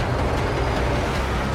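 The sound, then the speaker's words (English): A steady, loud roar of armored trucks speeding down a dirt road in pursuit, engines rumbling and road noise filling the whole short stretch with no voices. “The vehicles draw closer.”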